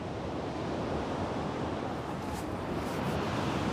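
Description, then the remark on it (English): Steady roar of sea waves surging and breaking, a dense continuous wash of surf with wind noise mixed in, loud with no voices; the sea water is 8 degrees. “His swim between the islands would be impossible with these waves.”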